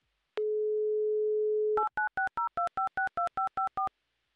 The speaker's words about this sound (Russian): Класс, 30 секунд у нас, чтобы послушать гудки.